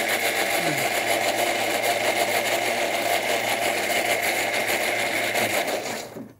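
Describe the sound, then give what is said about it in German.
A kitchen mixer blends a sauce while cooking, whirring at a steady, loud, buzzing pitch for about six seconds, its motor tone wavering slightly before it switches off and the sound drops away. “Das muss jetzt einmal richtig gemixt werden.”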